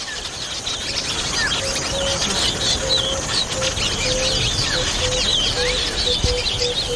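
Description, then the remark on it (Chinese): A dense chorus of chattering, twittering calls from a busy colony of African weaver birds, steady and overlapping throughout, with a faint intermittent buzzing tone underneath and no voices. “非洲的织巢鸟几乎用上了所有招数，想尽办法呵护雏鸟。”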